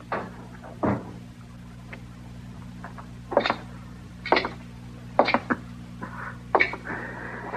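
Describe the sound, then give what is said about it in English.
A door is handled, with a series of short clunks and rattles as it opens and shuts, spaced unevenly over a low, steady background hum. “You better lock that door.”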